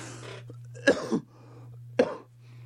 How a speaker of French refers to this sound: Pardon, j'ai toussé en ondes